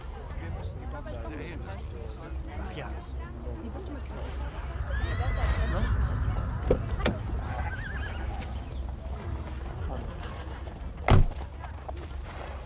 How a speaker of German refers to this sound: Ein schönes Pferd hast du.